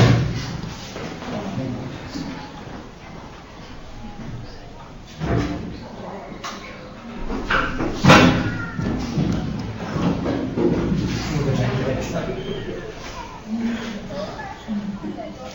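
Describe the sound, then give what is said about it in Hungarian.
A heavy chair, too heavy for the person holding it, drops and thuds once onto the floor, a sharp, fairly loud knock midway through, with voices and household noise continuing around it. “Nem bírtad el, semmi baj Manóka, csak nehéz a szék és nem bírtad el”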